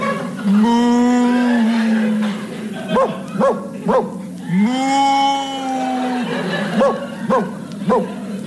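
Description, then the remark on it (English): A cow gives two long, drawn-out moos, each followed by a quick run of three sharp barks from a sheepdog worrying the cow, the loud exchange alternating back and forth. “That's a cow being worried by a sheepdog.”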